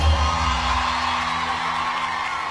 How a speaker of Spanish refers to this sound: Fuerte, fuertísimo el aplauso.